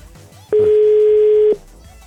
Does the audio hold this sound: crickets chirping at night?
no